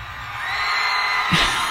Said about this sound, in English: Show up and yell.